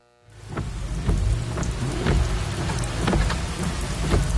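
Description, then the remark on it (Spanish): Steady rain pours down, with a low thunder rumble rolling underneath and sharp drips and splashes scattered throughout. No one speaks. “Cuando llueve, el asfalto no perdona llantas lisas ni amortiguadores vencidos.”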